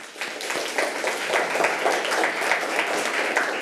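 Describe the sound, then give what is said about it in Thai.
Steady applause for student group 2, a dense patter of many hands clapping at moderate loudness that continues evenly for several seconds with no voices over it. “ปรบมือให้กับกลุ่มที่2ค่ะ”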